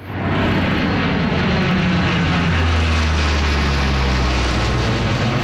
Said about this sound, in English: Hercules does a flyover to mark the occasion.